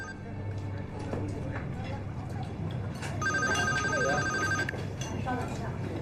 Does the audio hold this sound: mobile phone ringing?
yes